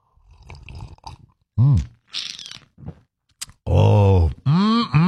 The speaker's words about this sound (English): It's the morning slurp. Grab a little coffee, a little juice, a little OJ, whatever you need to get your day off to a good start.